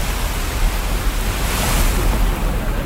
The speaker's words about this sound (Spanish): Si seguimos la lógica, ahora suben dos personas vestidas como el mar, ahí con colores celestes, blancos, con trozos de género ahí que cuelgan de los brazos, justamente, y con este sonido de fondo simulando el mar.